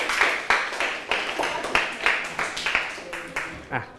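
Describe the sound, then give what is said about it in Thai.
Students clap for themselves in a lesson: steady hand clapping, about eight sharp claps at an even pace of roughly two per second, fairly loud, with a soft murmur of sound underneath. “ตอบถูกหมดทุกข้อเลยปรบมือให้ตัวเองดังๆได้เลยครับ”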